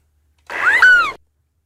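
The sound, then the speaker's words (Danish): A single short gull call, a brief mewing cry that rises and then slides down in pitch, heard clearly on its own with silence before and after. “Det er en meget lille lyd, vi får af mågen, synes jeg.”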